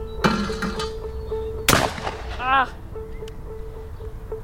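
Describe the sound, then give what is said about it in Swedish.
A single sharp, loud shotgun blast cracks out midway, fired at a clay pigeon during clay shooting practice at a shooting range in the forest in summer 2026, followed by a short burst of voice. A steady low hum runs underneath. “tränar lerduveskytte”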